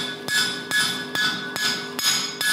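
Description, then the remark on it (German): A hammer, turned to its round side, strikes metal six times in a steady, even rhythm while a head is being formed on the piece, each loud blow followed by a bright, ringing metallic tone that carries into the next hit. No one speaks. “Drehen wir den Hammer rum mit der runden Seite.”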